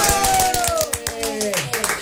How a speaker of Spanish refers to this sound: ¡Aplausos!